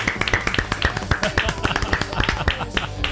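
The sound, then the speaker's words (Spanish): Applause from a small group welcoming a film expert: a dense, steady patter of hand claps lasting about three seconds, fairly loud, with no voices over it. “¡Un aplauso para él!”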